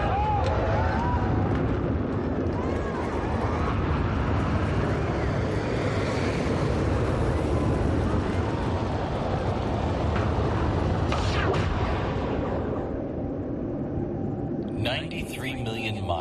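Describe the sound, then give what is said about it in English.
Rocket main engines ignite at launch during the final countdown into a massive, continuous roar, a thick rumbling wall of noise with a crackling hiss on top that stays loud and steady throughout. “T-minus 15, 14, 13, T-minus 10, 9, 8, 7, 6, 5, 4, we've gone for main engine 7.”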